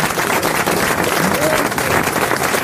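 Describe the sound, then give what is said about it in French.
Sustained applause from an audience for Marc-Antoine Lebray, a dense steady wash of many hands clapping at an even loudness throughout, with faint crowd murmur mixed in. “Vous pouvez applaudir Marc-Antoine Lebray.”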